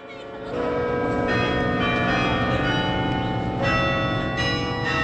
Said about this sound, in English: At Yale's campus in New Haven, Connecticut, the bells rang every lunchtime.